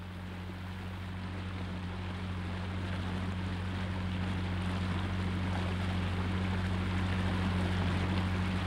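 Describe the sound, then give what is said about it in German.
Steady rushing of flowing water as a current is switched on in a water tank with a model boat moving in it, with a low, droning motor hum underneath, continuous, growing slightly louder over the first few seconds, with no voices. “Nun schalten wir die Strömung wieder ein und überlagern die Bewegung des Wassers mit der Eigenbewegung des Boots.”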